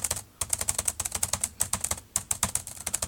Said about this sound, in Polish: Tak to mniej więcej słychać, jak się pisze na klawiaturze.